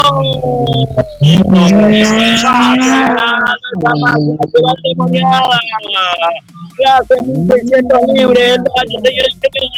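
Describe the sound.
A race car engine in a 1600 libre category race accelerates loudly, its whine climbing in pitch through several surges with brief drops between gear shifts, while a voice talks over it.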